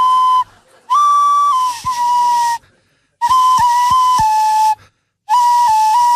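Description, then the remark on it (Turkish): A tune whistled through the right nostril with the left nostril closed: breathy, reedy tones around one mid-high pitch with small note shifts, played in three phrases broken by short pauses, with no talking. “Aa, burnunla çalıyorsun şu an.”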